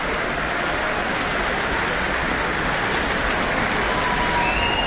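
A dense, steady roar of clapping and cheers from a large concert audience after a performance of Saint-Saëns' Third Symphony with pipe organ, with a thin whistle or two rising above the wash of applause near the end.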